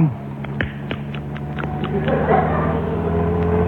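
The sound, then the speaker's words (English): A motor car's engine hums steadily and grows slightly louder as it approaches, with scattered light clicks and rattles over the low drone. “Look. It's a car.”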